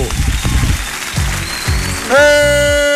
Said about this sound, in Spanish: Este 1 de agosto es nuestro foro Bésame de Salud Mental. Un aplauso bien fuerte para este foro, por favor. ¡Bravo!